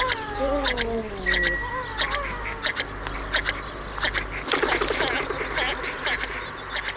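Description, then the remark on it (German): Harsh, repeated calls of an introduced bird species ring out, squawking notes with a nasal, duck-like edge, swelling into a dense, chattering burst of overlapping cries before settling back into scattered calls. “Das war er, der Vogel der Woche”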